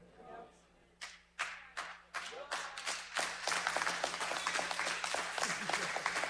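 A few lone claps ring out, then more hands join in until a scattered, half-hearted round of applause fills the church, uneven and never quite swelling into a full ovation.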